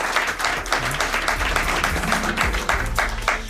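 An audience applauds the show's sound technicians steadily, a dense, even crackle of many hands clapping at once that holds at a fairly loud level throughout, with a faint murmur of voices beneath.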